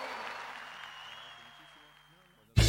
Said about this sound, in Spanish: ¡Fuerte el aplauso,